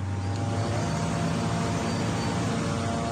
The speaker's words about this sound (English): I can hear surveillance drones above us. They're watching everything.